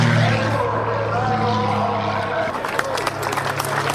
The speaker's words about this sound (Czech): Jak odpoledne na letišti v Letňanech začalo, tak také skončilo akrobatickými kousky Martina Šonky v jeho sportovním letadle